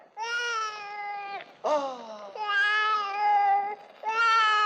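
A baby wails in long, sustained cries with brief catches of breath between them, loud and close, with no talking over it.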